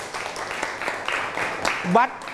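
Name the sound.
classroom applause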